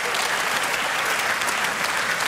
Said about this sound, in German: Das große Orchester, ihr habt das ja schon am Anfang dieser Sendung gehört, wurde ja vorgestellt, diese unfassbar junge, talentierte Männer. Ja, das ist euer Applaus.